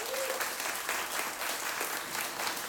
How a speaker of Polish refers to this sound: wielkie brawa.